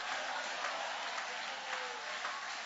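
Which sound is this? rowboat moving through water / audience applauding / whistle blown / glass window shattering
audience applauding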